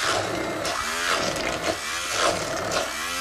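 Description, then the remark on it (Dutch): A blender runs loudly and steadily, its motor whine dipping and rising in repeated cycles as it churns well-cooked, drained chickpeas with a little liquid left into a thick purée, with no voices over it. “Dus ik maak dat de kikkererwten goed gekookt zijn en dat er nog een heel klein beetje vocht in is, zodanig dat we dat heel gemakkelijk kunnen mixen.”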